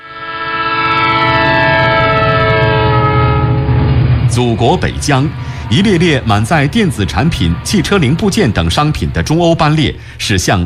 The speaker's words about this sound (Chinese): 祖国北疆，一列列满载电子产品、汽车零部件等商品的中欧班列驶向亚欧腹地。